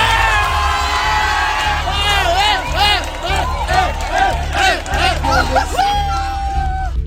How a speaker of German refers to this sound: Jubel in Spanien, keine Grenzen mehr.